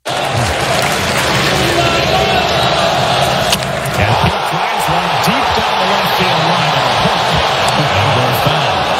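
A big crowd of Mets fans at a baseball stadium roars steadily for several seconds as Alonso nearly homers off Jonah Tong, the ball hooking foul. It is a dense wall of cheering and shouting that swells briefly near the middle, with bursts of applause mixed into the din.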